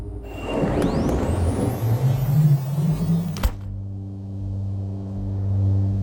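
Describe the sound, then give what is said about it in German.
A car rolls along toward a large building with a steady rumble and rising engine whine, then halts abruptly with a short jolt, leaving a low, even idling hum for the remaining seconds. “Wir rollen darauf zu. Und dann sehe ich diese schwarzen Streifen. Halt mal an!”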